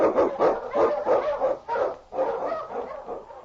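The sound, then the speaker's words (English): A pack of husky sled dogs, led by the Eskimo lead dog King, barking and yelping in a rapid, overlapping chorus, loud and steady for several seconds, with no voices, in the opening of The Challenge of the Yukon, blazing a trail through storm and snow. “On, King! On, you Huskies!”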